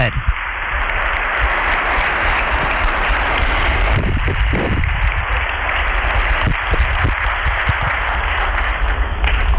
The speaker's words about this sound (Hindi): जोरदार तालियों की गूंज के साथ माननीय प्रधानमंत्री श्री नरेंद्र मोदी जी का स्वागत करें। भारत के माननीय प्रधानमंत्री श्री नरेंद्र मोदी। तालियों की कड़कड़ाहट रुकनी नहीं चाहिए।